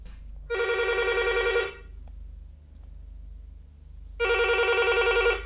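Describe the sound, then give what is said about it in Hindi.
A telephone rings twice, each burst a steady electronic trill lasting about a second, separated by a pause with a low background hum, as a listener calls in to a radio phone-in song request programme in Bhopal; no one speaks. “ठीक है तो लगाया और लग भी गया, मतलब तो खुशी का ठिकाना नहीं।”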